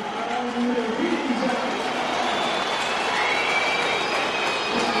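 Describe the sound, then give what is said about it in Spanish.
A stadium crowd at a football match gives lukewarm applause mixed with plenty of shrill whistling for the player Villa as the line-up is announced, a loud, steady wash of noise that runs unbroken for about five seconds. “Tibios aplausos, más silbidos que aplausos.”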